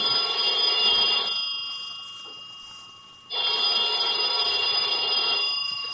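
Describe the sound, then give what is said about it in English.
A telephone rings at about noon, a call from the clerk downstairs, in two long bursts of bright, metallic bell tones, with a short pause between them. The ringing is loud, with no one speaking. “About noontime, when the phone rang, I knew it was the clerk downstairs calling because I'd left a call for 12.”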